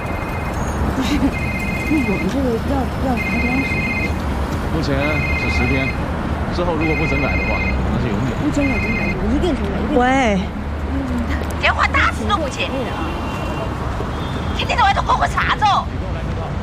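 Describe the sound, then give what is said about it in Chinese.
A telephone rings over and over in short, evenly spaced bursts, clear but not loud, while people keep talking underneath; the ringing stops about halfway through and the voices carry on. “喂， 电话打死了我姐！”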